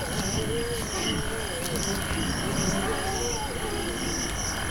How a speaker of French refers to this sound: On dirait des grognements, mais j'entends aussi comme un bêlement de brebis. Une brebis au cœur de la savane?